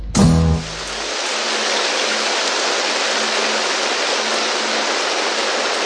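Steady rain falls at Studio Boucan in Mauritius in a dense, even hiss that fills the whole recording, following a brief low tonal burst at the very start. No voices are heard.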